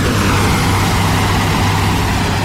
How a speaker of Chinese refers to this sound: 这是下雨的前夜，也是明亮的黑夜。夜里10点，农机轰鸣声、无人机飞舞声在麦田里交织。